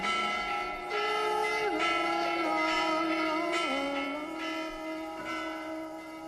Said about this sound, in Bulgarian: И кой, представете си, пръв се беше втурнал към църквата да бие камбаната, за да привлече вниманието на всички към тази красота? Моя баща.